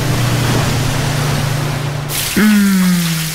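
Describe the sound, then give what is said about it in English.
Shower water runs in a steady hiss with a low hum beneath, then surges louder near the end as a brief squealing pipe tone cuts in. “Shower time.”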